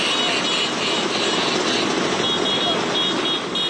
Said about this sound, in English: Well, one of the country's best-known exports, the Vespa, is celebrating 80 years. Thousands of scooter owners from around the world are parading through Rome.